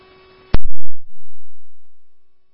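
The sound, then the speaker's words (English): A sharp electronic click and short burst give way to a steady, loud tone that holds for over a second and slowly fades, a dispatch radio station staffing alert tone over a quiet line. “Station staffing tones, the new ICR.”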